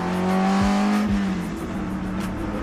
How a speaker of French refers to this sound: Ah, je vous laisse un peu écouter le bruit du moteur, c'est fabuleux.